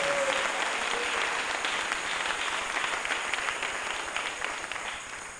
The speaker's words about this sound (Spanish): Démosle un fuerte aplauso a nuestro Dios Todopoderoso.